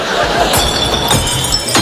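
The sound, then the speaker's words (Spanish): Twenty small glass bottles crash and clink loudly into a glass recycling bin, several sharp bright impacts in quick succession with a rattling jumble of glass between them. “¡Qué vergüenza cuando todo el barrio te escucha tirar 20 botellines!”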